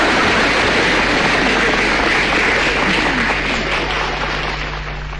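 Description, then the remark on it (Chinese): An audience applauds steadily during a xiangsheng comedy performance with Feng Gong, a dense, loud wash of many hands clapping at once that holds for several seconds and eases off slightly toward the end. “这大伙儿这是给我鼓掌， 没错， 给你鼓掌的你最丑。”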